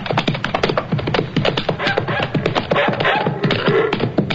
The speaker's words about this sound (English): What's that? That sounds like one of our dogs. Yes, it is. It's Sultan, my sister's dog.